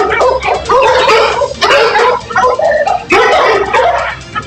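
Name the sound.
dogs barking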